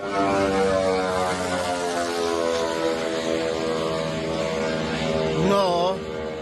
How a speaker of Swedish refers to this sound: Ett videoklipp på sociala medier visar en ukrainsk drönare som slår ner med ett eldklot i ett handelsfartyg. Filmen är tagen från ett annat fartyg med en lika förvånad som förskräckt besättning.